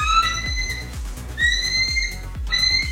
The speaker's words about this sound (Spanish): ¡Ay! Ese sonido de águila, ¿qué onda?